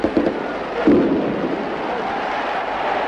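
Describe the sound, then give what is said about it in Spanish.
A string of firecrackers (tracas) crackles in a dense, rapid barrage, with a couple of louder bursts early on, set off by celebrating Valencia football fans after their team's 2-1 cup final win, against a noisy, crowded outdoor stadium background. “Las tracas, como en los festejos falleros, hacen sonar sus petardos.”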